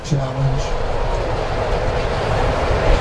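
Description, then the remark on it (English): A deep, steady rumble of thunder following lightning during a baseball game rolls on for several seconds, a low continuous roar that stays loud throughout with a brief tonal hum at the start. “There's that lightning again, and thunder following it.”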